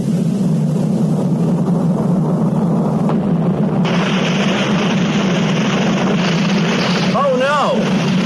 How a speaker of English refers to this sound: That water pipe burst. Water is pouring out all over the place.